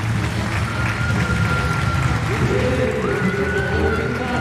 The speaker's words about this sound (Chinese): 我们要将今天晚上所有的掌声首先送给老将马龙